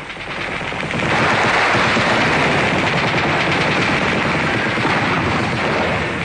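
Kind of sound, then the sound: impact, machine gun fire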